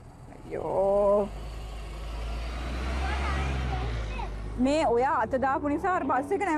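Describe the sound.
A large city bus, the number one bus, rumbles, its deep engine noise building and then easing as it pulls up. People talk briefly near the start and again once the engine quiets.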